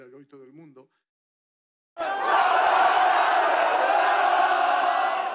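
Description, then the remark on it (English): A voice speaks briefly, then after a short pause a large crowd of Spanish football fans under the High Line in Manhattan, New York, erupts into loud, sustained cheering and shouting for their side that stays continuous until the end. “While the Argentinian fans might have taken over Times Square, but the Spanish fans found their own iconic venue in Manhattan to cheer on their side under New York's High Line.”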